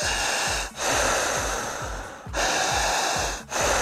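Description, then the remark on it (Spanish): Loud breathing, a steady rushing airflow, is abruptly cut off three times by short catches, as if the breath is being held and stopped before it resumes. “Regla número uno, no podemos cortar la respiración. No podemos hacer esto.”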